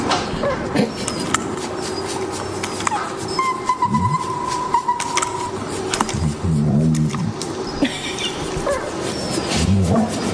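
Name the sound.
dog barking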